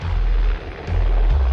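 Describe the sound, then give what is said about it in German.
A loud helicopter flying very low over the desert roars overhead, its heavy low rumble filling the sound with a broad, churning wash that briefly dips and surges again. “Der Helikopter ist wirklich sehr laut und fliegt sehr tief.”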